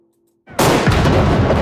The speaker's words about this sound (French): Salve de canons, tambours, hymne national. La cérémonie a été hautement protocolaire, à l'image de la fonction.